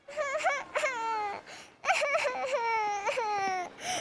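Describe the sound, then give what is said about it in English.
A toddler girl cries outside the oldest building on a university campus in loud, wavering wails, two long sobbing bouts separated by a short breath, with no other voices. “On graduation day, as he left the oldest building on campus, he noticed a toddler crying.”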